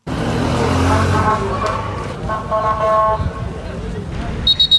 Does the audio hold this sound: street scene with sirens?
yes